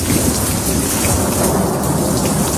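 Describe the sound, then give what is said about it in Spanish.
Heavy rain from a summer thunderstorm in Madrid, Spain, pours down steadily in a dense, constant roar, with a deep rumble of thunder underneath, loud throughout with no voices. “Son las típicas tormentas de verano como la que nos sorprendió ayer por la tarde.”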